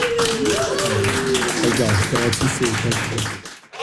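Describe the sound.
An audience claps steadily in a dense, continuous patter, with voices shouting and whooping over it, before the applause cuts off abruptly near the end.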